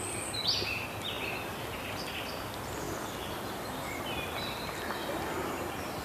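Faint birds whistle and chirp in scattered bursts over a steady hiss of outdoor ambience in misty, cloud-capped hills, with a slightly brighter call near the start.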